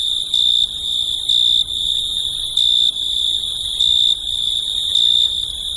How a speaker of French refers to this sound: Les grillons mâles frottaient l'une contre l'autre leurs ailes, et de la terre montaient les plus enivrantes mélodies.